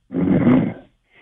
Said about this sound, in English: He's sleeping. You can hear him snoring in the background